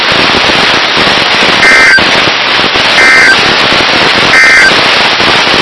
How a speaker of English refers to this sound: This has been a test of the No Weather Radio Warning Alarm Device.